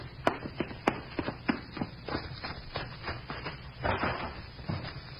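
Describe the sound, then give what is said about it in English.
A door shuts and a lock clicks with two sharp knocks at the start, followed by a run of lighter taps and rattles over a low background hum. “Heard you lock the door?”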